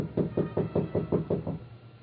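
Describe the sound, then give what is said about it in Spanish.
A quick series of about eight evenly spaced knocks on a door, dull and woody, fading slightly at the end with no voices. “¿Quién? Debe ser la señorita enfermera. Llama cuando cree que hay visita.”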